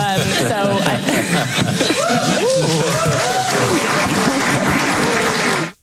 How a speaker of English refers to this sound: Idiots applaud.